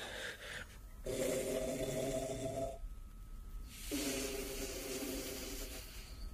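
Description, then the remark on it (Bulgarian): Two long, loud snores, each a rough, rattling drone lasting a couple of seconds, separated by a brief breathy pause, with no talking; it is the snoring of the Black King, a story character, deliberately snoring as loudly as he can. “Черният цар хърка.”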